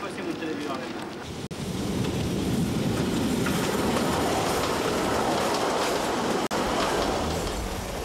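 A train rolls steadily along the rails, a loud, continuous rumble with a busy metallic clatter running through it, broken only by two split-second gaps.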